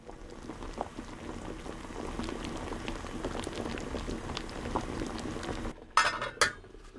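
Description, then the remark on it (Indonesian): Water with pieces of sweet potato (ubi) bubbles and hisses at a steady rolling boil in a pot for several seconds, then the heat is lowered and a metal lid clanks onto the pot with two bright rattling clinks and the bubbling goes muffled. “Setelah itu, kecilkan api dan tutup pancinya.”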